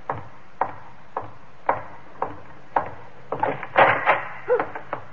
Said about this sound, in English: I barred the door on him and went into the high priestess's chamber.